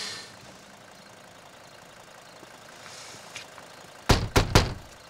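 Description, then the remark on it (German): A car engine idles at night in a low, steady rumble throughout, fairly quiet and unchanging, then three sharp knocks land in quick succession near the end. “Hallo, Ihr Motor stört meine Nachtruhe, ja? Können Sie bitte ausschalten?”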